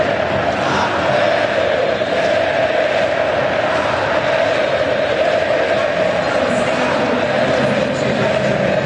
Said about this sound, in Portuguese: Pode subir o som da torcida cabulosa. Gritando o nome do Wesley, que acabou de chegar e já chegou marcando um golaço.